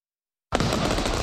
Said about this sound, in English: Light up the skies this Canada Day with Celebration Fireworks.